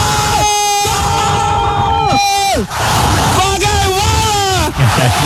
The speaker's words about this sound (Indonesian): Gol di ujung pertandingan membuat sorak-sorai pendukung Brazil.